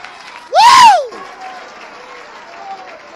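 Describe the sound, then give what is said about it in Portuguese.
A crowd claps and cheers. A loud whooping shout rises and falls near the start, then steady applause and crowd noise carry on underneath. “Aplaude mais!”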